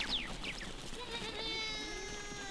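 goat bleating

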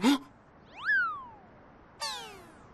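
cat meowing

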